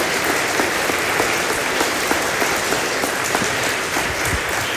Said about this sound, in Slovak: Rovnako poprosím potlesk pre ňu.